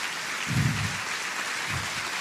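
A church audience claps steadily, a dense wash of many hands at moderate volume, with a couple of low thumps underneath and no voices.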